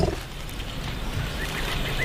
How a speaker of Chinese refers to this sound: 即使他们彼此看不到对方，也可以保持联络通畅。大象拥有发出次声波的独特能力，低沉的隆隆声里包含了许多我们人耳无法听到的信息。